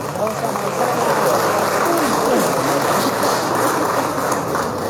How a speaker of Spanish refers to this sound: Lo recibimos con un fuerte aplauso de nuestro hermano alcalde del municipio de Vinto.